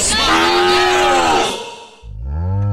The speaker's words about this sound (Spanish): Ya despertó la vaca también, oiga, oiga, la vaca. Oiga, ¿dónde están ya ordeñando la vaca?